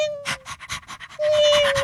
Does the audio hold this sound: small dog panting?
yes